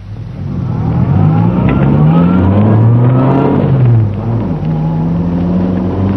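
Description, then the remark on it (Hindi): A car engine revs up and accelerates away from a traffic light, its pitch climbing through gear changes over several seconds, loud with a steady low roar and no voices. “अगर इंसान सही वक्त पर स्टार्ट करे तो तमाम ट्रैफिक लाइट्स ठीक मिले। गो, चलो।”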